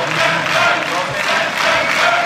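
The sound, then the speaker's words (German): A loud, dense crowd roar as AfD members stand, clap and cheer, with bravo shouts and a battle cry; massed voices shout together in a rhythmic chanting swell rising and falling across the whole stretch, with no single voice standing out. “Man hört auch sowas wie Bravo-Rufe. Unsere YouTube-Zuschauer sehen das und hören auch den Schlachtruf.”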